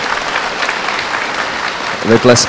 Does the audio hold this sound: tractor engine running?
no